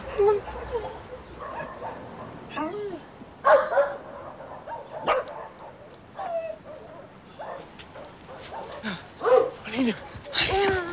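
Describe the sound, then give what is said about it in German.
Many dogs at a kennel bark and yip in overlapping bursts throughout, some with whimpering, creating a busy, echoing chorus of canines. “Ja, Teddy, hier sind jede Menge Hunde.”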